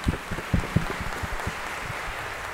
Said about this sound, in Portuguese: Isto, como a nossa comunidade é marcada pela hospitalidade, vamos acolhê-los com a bonita salva de palmas.